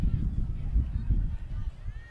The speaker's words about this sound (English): So this wind is just unrelenting at this point. You can hear it in the microphone. That flagpole in the center is whipping in all directions.